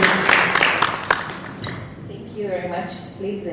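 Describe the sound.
A crowd claps in a dense burst of applause to welcome a session moderator from the UN Women Kenya Country Office, with a few sharp louder claps, which fades out after about a second and a half before a voice begins speaking.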